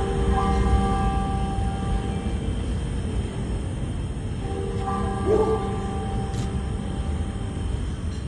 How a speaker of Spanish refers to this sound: Solo el sonido de las campanas